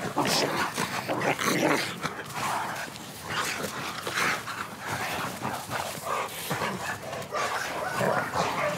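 Several dogs bark, yip and growl over one another in a continuous, chaotic scuffle, loud throughout, with sharp repeated bursts and whimpering mixed in.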